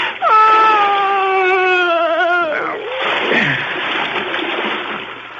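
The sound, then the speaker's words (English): A woman's loud, wavering moan holds for about two seconds, then breaks off into a heavy splash as two bodies are pushed into dark water, followed by several seconds of churning, sloshing water. “I closed my ears to her moans. And I pushed them both into the dark water.”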